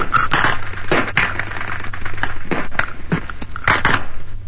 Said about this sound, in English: The firing became more intense, but we were able to make a recording of what a battle sounds like from inside.